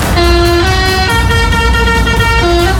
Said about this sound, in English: It's the week whole fair comes to town, and as the lorries were pulling into Walton Street, one of them pressed their horn and made this noise.